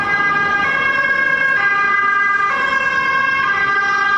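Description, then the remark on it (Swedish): An ambulance siren wails loudly as it passes along Långholmsgatan in Stockholm, its two-tone call alternating steadily about once a second over faint road noise, with no one speaking. “Nu ska du åka förbi en ambulans.”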